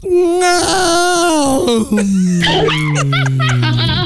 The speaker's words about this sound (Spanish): Eso sí, con una estirada. Ay, ay. Una bostezada, ay, así, ay, pero esa brava, ¿no?